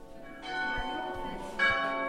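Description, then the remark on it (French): The two bells of a restored monastery tower and chapel on the Mediterranean, a listed historic monument, ring out with rich, sustained overtones, two strikes layering over each other as the resonant tones hang and overlap, loud with no talking. “Les deux cloches sonnent et redonnent une dimension sonore et liturgique à la tour monastère.”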